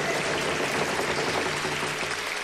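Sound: audience applause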